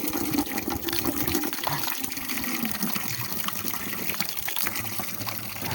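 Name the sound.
water running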